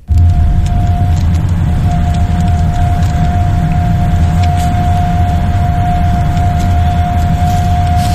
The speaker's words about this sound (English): She claims it doesn't do it justice, but you can hear it. And she maintains that it's much louder in real life. Should we have a listen to the roof racks that are causing her great distress?